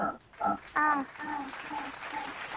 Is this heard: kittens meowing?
no